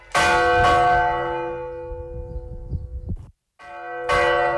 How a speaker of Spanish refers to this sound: Un pastor se ha perdido en la noche o en la niebla y el sonido de las campanas le indican el camino para volver a casa.